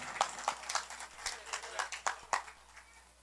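Scattered applause from a small group in thanks to the deputies of the department of Arauca, sharp irregular hand claps arriving several per second, fairly soft overall and with no voices over them.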